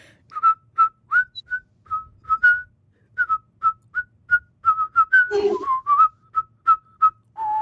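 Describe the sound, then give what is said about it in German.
A simple, bouncy melody of the children's song "Die Affen rasen durch den Wald" is whistled in short, evenly spaced notes, with a brief breathy wobble partway through; no one speaks. “Kannst du auch pfeifen oder lieber singen? Pfeifen.”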